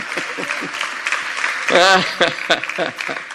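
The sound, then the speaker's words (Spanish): A crowd claps steadily in a continuous wash of applause, with voices calling out over it and one voice rising briefly above the clapping. “Sí, aplauda.”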